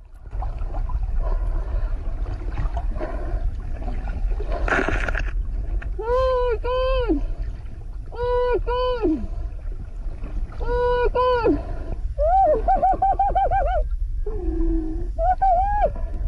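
A woman lets out a series of high-pitched, wavering shrieks in short repeated bursts, some rising and falling, over a constant low rumble like a boat engine and splashing water.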